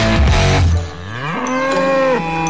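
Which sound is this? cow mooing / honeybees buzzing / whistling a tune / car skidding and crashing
cow mooing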